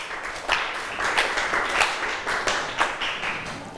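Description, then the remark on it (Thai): Students in a classroom clap together for a few seconds for their classmates in group 5, a dense, steady patter of many overlapping hand claps with small swells, and no one speaks over it. “ค่ะขอบคุณกลุ่มที่5ปรบมือให้เพื่อนหน่อยค่ะ”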